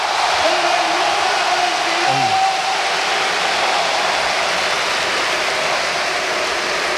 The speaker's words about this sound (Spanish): La ovación a Isco en la Real.